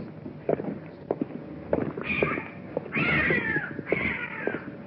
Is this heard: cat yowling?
yes